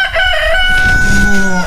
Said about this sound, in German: Für den Start in den Morgen einen Hahn ans Bett bestellen?